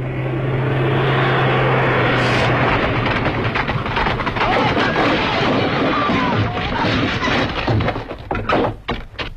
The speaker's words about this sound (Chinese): 你们看，你们看， 他们要扫射了。 不会，这是侦察机。